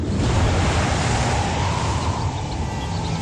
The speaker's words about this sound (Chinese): 晴朗的天气并不太久，没过一会儿，海面上便起了大风，海浪也掀起了巨大的波涛。燕子们在猛烈的海风中艰难地飞行着。